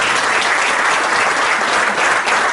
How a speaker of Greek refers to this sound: Ένα μεγάλο χειροκρότημα παρακαλώ για τους καλεσμένους μας.